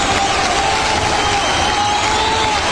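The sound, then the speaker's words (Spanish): Sustained audience applause mixed with cheering and crowd shouting, a dense, steady wash of clapping at a loud, even level for a few seconds. “Aplausos para Corpelec Isis de la Luz.”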